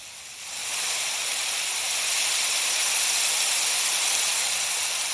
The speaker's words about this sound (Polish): Zaznaczone. Umiarkowany śnieg, 100 głośność, przycisk.